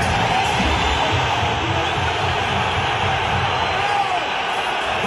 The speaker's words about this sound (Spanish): Exactamente, y lo silbaban de esta manera. Escucha, precisamente los silbidos a Julián Álvarez.